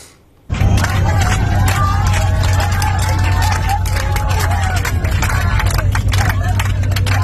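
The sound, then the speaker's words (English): A crowd of relieved passengers cheers and claps loudly inside an airplane cabin as the plane touches down safely in Tobruk, voices whooping over a steady low engine roar, the noise bursting in suddenly and continuing throughout. “You can see the passengers there, very relieved, cheering as they hit the ground safely.”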